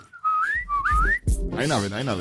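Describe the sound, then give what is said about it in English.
A person whistles the tune of a song, a short melodic phrase of rising, bending notes, followed right after by someone talking. “The whistle for the song, I can do.”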